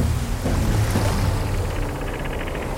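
Sea water sloshes and churns around a boat in a steady, broad wash, with a low rumble and some wind noise throughout. There is no speech.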